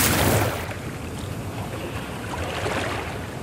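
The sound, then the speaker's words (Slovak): Broad, steady rush of a wide, swift river, a dense hiss with a louder surge in the first half-second, then a constant churning roar with no voices. “Rieka je dosť široká a prudká.”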